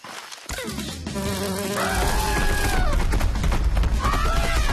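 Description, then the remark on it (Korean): A large young bee buzzes loudly and continuously after a brief quiet start, a dense, steady drone with a whining tone that wavers in pitch, as a family of elephants runs away frightened by the buzzing. No one speaks. “It's a bee. 어린데 엄청 커. 노한벌 같은데? 코끼리들이 붕붕 소리에 겁을 먹고 도망친 거야.”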